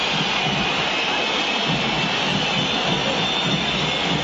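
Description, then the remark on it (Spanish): A stadium crowd whistles in disapproval at the end of a football match River lost 0-1 to Rosario Central, a steady shrill wash of many whistles riding over a dense crowd roar, loud and unbroken for the whole stretch, with no clear voices. “Perdió River y hay silbatina, terminó el partido.”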